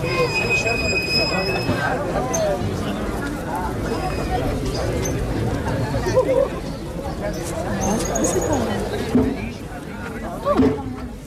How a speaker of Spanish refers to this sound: No, mira la locomotora.